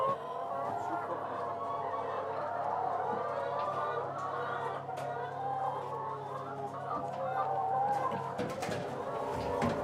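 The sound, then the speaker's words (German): A dense, continuous chorus of many hens clucking and murmuring, with scattered sharper calls rising above the steady flock noise throughout; about 300 free-range hens at a mobile hen house on a meadow in Holtland. “Auf einer Wiese in Holtland steht sein mobiler Hühnerstall. 300 Freilandhühner legen dort jeden Tag etwa 270 Eier”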